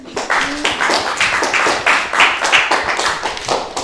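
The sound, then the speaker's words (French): A small group claps in a steady, dense patter of hand claps, fairly loud, continuing without pause for a few seconds with no voices over it, applauding a performer. “Hey, on l'applaudit, hein.”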